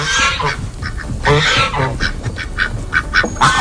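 Geese honk loudly in a rapid series of harsh, nasal calls, several birds overlapping with no one speaking.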